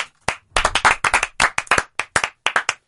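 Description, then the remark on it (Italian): Loud, brisk hand clapping, about fifteen sharp claps in under three seconds at an uneven, quick rhythm, with no talking over it. “Siamo un applauso.”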